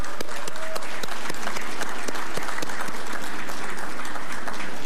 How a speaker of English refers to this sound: My task this evening is a very simple one, and it is to offer congratulations to all of the nominees and all of the winners, and let us please give them all a round of applause.